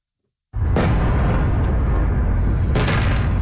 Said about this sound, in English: Explosions in the night sky over the capital of Ukraine. This is the sixth consecutive day of attacks from Russia.